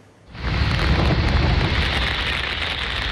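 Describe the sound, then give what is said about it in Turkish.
A heavy downpour in Istanbul roars in after a brief quiet moment, a dense, steady hiss of rain pounding surfaces, continuous and loud with no voices. “İstanbul'da etkili olan yağmur gündelik hayatı olumsuz şekilde etkiledi.”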